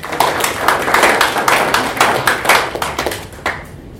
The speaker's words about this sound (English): So we can clap for them.